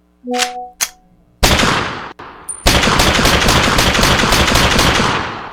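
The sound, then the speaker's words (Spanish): Rapid gunshot sound effects: a few sharp opening shots, then a dense, loud burst of continuous automatic gunfire rattling steadily to the end, with no voices. “Ahí están los balazos para los viejotes, para que se metan al surco los viejotes.”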